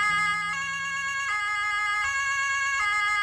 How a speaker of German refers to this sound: Ja, so klingt eine Polizeiautosirene von dem Hammer Polizeipräsidium. Und wenn die zu hören ist, dann sind die Einsatzkräfte auf jeden Fall in Eile.